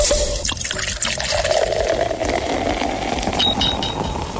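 A bottle is opened and a drink is poured into a glass, a steady, fairly loud gurgling stream whose pitch rises slightly as the glass fills, with no talking over it.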